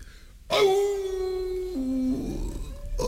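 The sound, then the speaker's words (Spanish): A single long wolf howl, a sustained tonal wail that holds steady and then dips lower before fading, loud with no talking over it. “Era el lobo que salió a su encuentro en un recodo del camino.”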